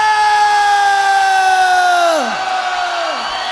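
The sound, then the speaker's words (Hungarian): A crowd shouts together in one long, loud, sustained cry that slides downward in pitch near the end, followed by a shorter second falling shout. “Ez egy nemzetközi kiáltás.”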